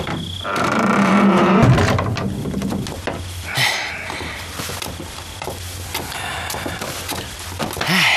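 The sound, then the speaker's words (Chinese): A door is pulled shut, with a scraping, creaking slide followed by a dull knock and some faint rattling afterward; no one speaks. “哎，特派员， 关门。”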